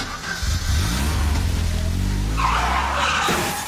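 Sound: car tires skidding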